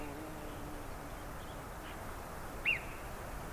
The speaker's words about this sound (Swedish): De låter nästan som en fågel. Det är ett mycket högt lete. På tyska säger man att murmeldjuren visslar, men det är egentligen inte helt korrekt. Därför det är att de ropar. De använder då stämbanden.